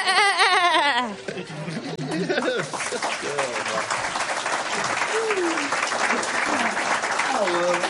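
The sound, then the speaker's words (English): A loud, quavering billy goat bleat rings out for about a second, then gives way to a steady wash of applause with people talking and murmuring underneath. “Do they allow billy goats?”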